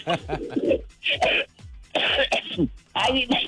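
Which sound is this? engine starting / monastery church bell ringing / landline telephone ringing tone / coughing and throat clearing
coughing and throat clearing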